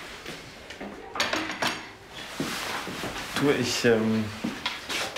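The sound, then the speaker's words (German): Dishes and cutlery clatter in a few sharp knocks and clinks as the table is cleared, with a person speaking briefly over the clatter toward the end. “Ich komme nur das Geschirr abräumen.”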